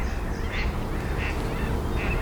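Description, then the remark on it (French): Mallard ducks quacking, three short nasal calls spaced evenly about every two-thirds of a second, heard over a steady low rumbling background with no one talking. “Les colverts, on les a pas pris.”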